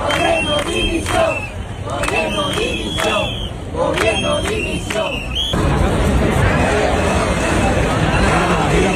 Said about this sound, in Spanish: No solo con lemas de apoyo, como pueden escuchar, también con gritos de dimisión, con insultos en algún caso y con aplausos